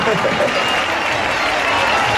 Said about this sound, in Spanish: Tengo aquí una muchacha que antes, guapa tú, que antes hemos hecho un directo y me ha dicho que se casa. Y quiero que le demos un fuerte aplauso porque eso no se hace todos los días.